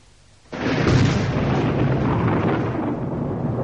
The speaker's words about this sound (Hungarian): Villámlik. Menj, dörög.